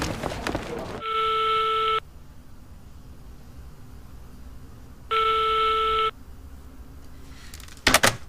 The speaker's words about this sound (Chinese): 打了这么多遍，还是没有人接啊！